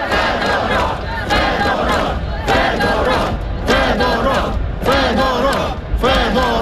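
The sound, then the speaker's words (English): A large crowd of mainly young protesters in Kyiv, Ukraine, chants the defence minister's name in rhythmic unison. They shout it again and again, loud, with brief pauses between each burst of voices. “Crowds of mainly young people who gathered in the capital Kiev for a second night and elsewhere in the country, they were chanting the minister's name.”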